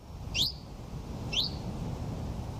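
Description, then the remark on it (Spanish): Common chiffchaff song: two clear, high, downward-slurred notes about a second apart, over a steady low outdoor rumble. “Mosquitero común.”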